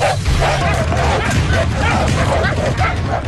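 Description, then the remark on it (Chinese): Hunting hounds bark and yip in quick, repeated bursts during hare coursing, a folk competition in the Guanzhong area of Shanxi, China. The barking is loud, over a dense bed of outdoor crowd noise with people talking in the background. “祭狗撵兔，山西关中地区的民间竞技活动。”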